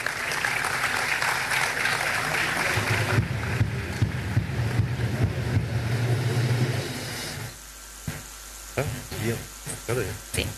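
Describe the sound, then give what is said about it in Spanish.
A large audience at a land-title ceremony in Paraguay, attended by President Santiago Peña, claps steadily and loudly for several seconds for a recipient from Colonia Sucesión, San Pedro department; the applause fades out, after which a voice begins speaking over a quieter room. “Fuertes los aplausos.”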